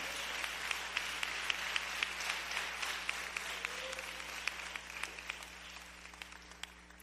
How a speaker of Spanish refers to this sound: Le da un aplauso al Señor en esta mañana. Aleluya.